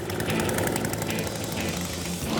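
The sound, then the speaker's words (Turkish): A gas-powered Toro snow blower engine runs steadily and loudly while clearing snow, a continuous rumbling drone with a rattling, buzzing edge that holds an even pitch throughout, with no voices. “Kar küreme makineleriyle deneyimim var. Bu gazla çalışıyor.”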